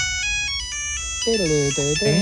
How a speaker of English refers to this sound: Because Gen Zers are now switching more and more to dumb phones. Like going back to the old Nokia with this ringtone.